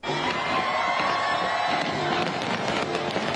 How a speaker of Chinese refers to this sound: 国庆烟花汇演晚上八点举行，超过30,000枚烟花在维港上空绽放，大批市民和旅客企满星光大道和文化中心外的空地观赏。